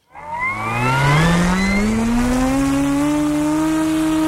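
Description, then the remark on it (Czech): A small model airplane engine, from a project by technical secondary school students in Vysoké Mýto, buzzes loudly and continuously in flight, its whining, harmonic drone climbing gradually in pitch over several seconds, with no voices. “Letadlo máme ve vzduchu.”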